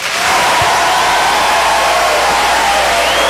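A loud, steady wash of clapping and crowd noise from an audience applauding a band's guitarist during an América Estéreo broadcast, with a faint whistle-like tone gliding upward near the end.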